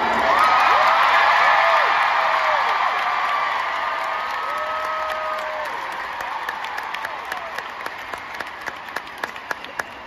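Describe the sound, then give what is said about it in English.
A concert audience cheers and applauds loudly for a newly introduced keyboard player in the band, with whoops and high shouts rising over steady clapping that thins into scattered claps toward the end. “But I actually have a new member of my musical family to introduce you to in the form of my incredible new band member, who I would love for you to make a lot of noise for.”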